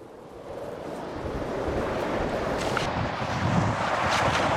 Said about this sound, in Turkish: Rüzgarın hangi yönden estiğini tahmin etmek için bir tahminde bulunun bakayım. Düzeltebilir miyim? Hayır. Doğrudan karla kaplı buzul dağlarından geliyor.